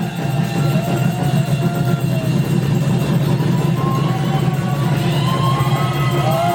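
Loud, sustained applause from a large crowd welcoming guest judge Thanyawat Kamolwongwan of the People's Party fills the whole stretch at a steady level, with thin whistles or noisemaker tones sliding above the dense clapping and cheering.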